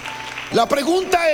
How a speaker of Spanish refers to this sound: Démele un aplauso a Dios.